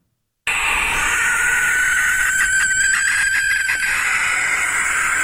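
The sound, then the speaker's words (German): A barn owl's shrill, hissing screech, one long harsh rasping scream that holds steady for about five seconds with a slight stuttering rhythm in the middle, loud and alone with no talking. “Es gibt ein Schlusslicht im Ranking der vorgespielten Vogelstimmen, und zwar ist es die Schleiereule, die ein sehr schrilles Kreischen hat, und das klingt dann am Ende ungefähr so.”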